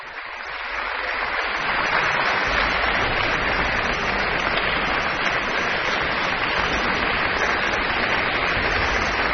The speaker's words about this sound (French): François Leleu qui se promène dans les rangs des musiciens pour les faire se lever les uns après les autres pour que chacun ait sa part d'applaudissements à la suite de cette interprétation de la symphonie de chambre créée à Vienne le 12 mars 1917.